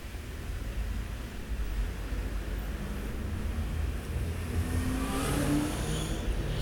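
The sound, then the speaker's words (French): Steady street traffic rumbles, and midway through an engine audibly revs up as vehicles pull away and accelerate when the traffic light turns green, with a continuous low roar underneath. “Le feu est vert.”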